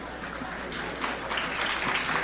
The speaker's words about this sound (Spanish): Un fuerte aplauso en memoria de Ernesto Escarencio, claro que sí.